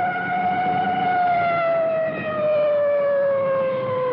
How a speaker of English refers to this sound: Coming up to a large intersection now, you can hear that full treatment on the siren.